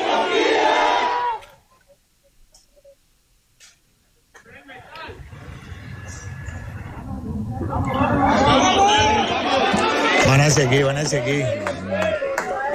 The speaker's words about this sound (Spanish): Es difícil. Están gritando que si hay alguien con vida.